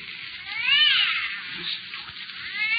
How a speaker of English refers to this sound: And I'm telling you, that cat, you got in there violating the city ordinance.